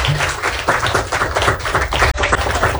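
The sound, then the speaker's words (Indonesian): A group of elementary school children at SD Negeri 50 Kota Ternate applauding together during an RRI school visit, a dense, steady patter of many hands clapping for about three seconds, loud and continuous with no one talking. “Oke, tepuk tangan buat semuanya dong, boleh.”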